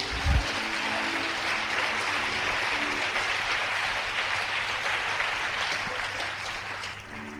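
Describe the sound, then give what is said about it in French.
An audience applauds steadily, a dense wash of many hands clapping at an even level for several seconds, with a low hum underneath and no voices standing out. “Alors si tu es d'accord qu'il te casse, applaudis-toi toi-même.”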